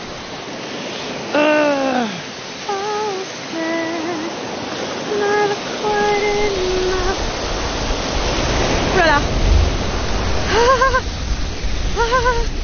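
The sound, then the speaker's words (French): Steady rushing water from a cold spring fills the scene while a person bathing in it lets out short, pitched gasps and exclamations, with a brief louder surge of water partway through. “Alors, le rituel, quand même, c'est de se baigner dans chaque source d'eau froide qu'on croise, non?”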